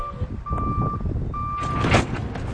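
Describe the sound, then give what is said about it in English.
A delivery truck backs up at a grocery store in Cody, Nebraska, where workers unload boxes of inventory. Its reverse alarm sounds long steady beeps at a regular pace over a loud, rumbling engine and some clattering. “Once a week, workers roll boxes of inventory off a truck into the Circle C Market.”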